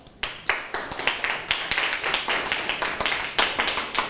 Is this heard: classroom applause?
yes